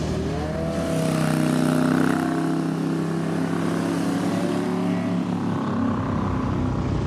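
A vintage motorcycle engine, ridden on a small road, rumbles steadily with a low, throbbing, pulsing drone and layered harmonics, holding a fairly constant pitch with slight rises, loud and continuous without any talking.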